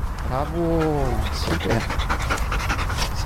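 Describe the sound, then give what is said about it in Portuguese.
Cobra Kai, a female Belgian Malinois working dog of the GNR's Grupo de Intervenção Sinotécnico, pants rapidly and rhythmically after a brief high whine at the start, with faint background noise throughout. “Cobra Kai é uma cadela belga malinois.”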